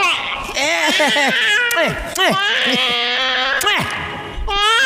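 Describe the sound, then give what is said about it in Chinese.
A baby boy wails loudly and continuously, in repeated rising and falling sobbing bursts with brief catches of breath between cries. “宝宝别哭了啊，妈妈亲一口。嗯，不哭了啊。”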